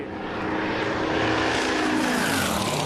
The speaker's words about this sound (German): Leute, da ist... Bitte die Drohne entfernen. Drohnen dürfen nicht auf der Strecke sein.